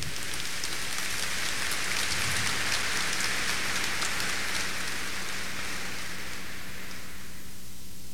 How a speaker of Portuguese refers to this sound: Uma salva de palmas ao Santo Evangelho.